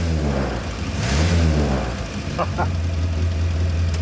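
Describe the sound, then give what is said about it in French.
A Morris Minor engine revs up with a rising, wavering pitch, then settles into a steady low idle, with a couple of short crackling pops from the exhaust, a crackle typical of the Morris Minor. “Écoutez cet échappement. Ce crépitement, c'est vraiment typique de la Morris Minor.”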